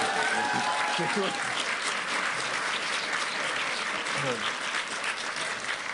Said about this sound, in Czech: Prosím tě, tam to chtěl potlesk, ty jsi to tak málo uvedl, ty vole.